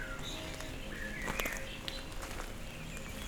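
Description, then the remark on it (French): Faint birdsong outdoors on misty, stony paths north of the Cagire: a few thin whistled notes and chirps drift in, with occasional crunching footsteps on a stony path and a soft ambient hush, no voices. “Pour notre carte postale sonore, je vous amène vers son nord du Cagir avec, pour seule compagnie, le chant des oiseaux.”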